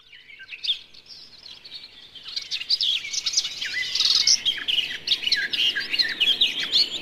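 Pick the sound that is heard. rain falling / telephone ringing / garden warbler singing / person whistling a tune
garden warbler singing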